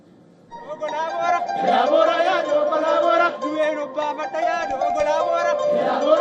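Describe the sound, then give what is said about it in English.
Tens of thousands of Oromo people in colorful traditional attire sing and chant together at Ayrecha, the annual thanksgiving festival, in Addis Ababa, Ethiopia. Many voices blend into a loud, sustained, harmonic chorus with rising and falling phrases that continue steadily after a quiet opening moment. “Crowds dressed in colorful traditional attire sang, danced, and waved green grass and flowers to celebrate Ayrecha festival.”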